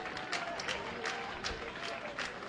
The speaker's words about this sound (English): And now the Isotopes are one strike away from victory and shaving a game off first place Sugarland's lead. Crowd starting to clap in unison.